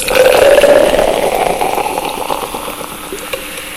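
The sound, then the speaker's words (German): Beer is poured into a glass, building a foam head, a steady gurgling stream with a faintly rising pitch as it fills, backed by a bright fizzing hiss that slowly fades over a few seconds. “Ah, wie das perlt, herrlich.”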